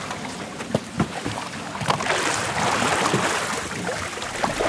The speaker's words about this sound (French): Mais il mesure 5 mètres, non 4 mètres. Oh, ouais, ça fait... 3-4 mètres, ouais. C'est avec ça qu'on navigue le bateau, qu'on se déplace. On touche le fond de la rivière et on pousse.